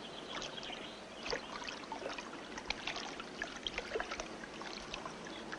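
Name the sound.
flowing water stream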